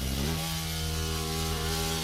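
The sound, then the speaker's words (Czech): An Asian hornet buzzes loudly, a deep, steady, engine-like drone that shifts pitch briefly at the start, then holds unbroken throughout with no voices. “No jasně, a strašeně, ale jak to zní prostě, o mě děsí už ten jejich zvuk, jo.”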